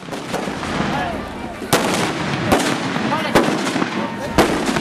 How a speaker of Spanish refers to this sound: En varios poblados de México, la gente tiembla a causa de descomunales explosiones. Y no a causa de la violencia, sino para conmemorar a un santito.